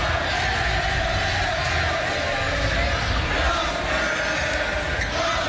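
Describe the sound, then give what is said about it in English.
A dense crowd of Spurs basketball fans at the Frost Bank Center watch party roars and cheers steadily, with overlapping voices and shouting blending into a loud, continuous wall of noise without pause, as the Spurs win an NBA Finals game over the Knicks. “Spurs fans at the Frost Bank Center watch party as the Spurs silenced the crowd at Madison Square Garden last night, winning their first NBA Finals game over the Knicks 115-111 with President Trump in attendance.”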